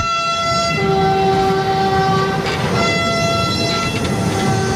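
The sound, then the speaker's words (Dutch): A freight train carrying pick-up trucks bound for Ukraine rumbles steadily along the tracks, with a sustained horn blast sounding over the heavy low rolling noise and a few sharp metallic squeals. “Daar neemt een Duitse machinist het over, die hem tot aan de grens met Polen rijdt”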